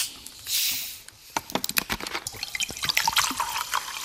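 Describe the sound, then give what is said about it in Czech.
A short hiss of gas escaping as a bottle of carbonated water is opened, lowering the pressure and releasing dissolved carbon dioxide, followed by a steady crackle of tiny bubbles fizzing and popping. No one speaks. “Ten oxid uhličitý je rozpuštěný v té tekutině, jakmile snížím tlak tím, že tu láhev otevřu, tak se tam vysráží.”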